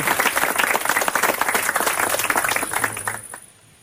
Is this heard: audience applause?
yes